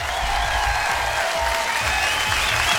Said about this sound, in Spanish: ¡Aplausos para este programa!